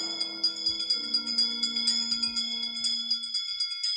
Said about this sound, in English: Wizards and witches, wherever you dwell, give us a hint by ringing a bell.